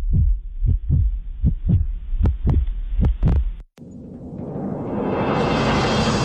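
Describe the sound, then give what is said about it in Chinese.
A loud, deep heartbeat sound effect in a broadcast promo break thumps steadily in paired beats for a few seconds, cuts off abruptly, then a rising rushing whoosh swells and builds. “心跳再加速，名额再燃烧”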